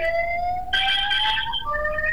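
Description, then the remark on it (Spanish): An ambulance siren wails steadily outside, its tones sliding and shifting as it passes, fairly loud over a low background rumble with no talking. “¿Qué está pasando, una ambulancia?”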